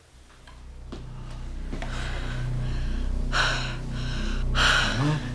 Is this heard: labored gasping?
yes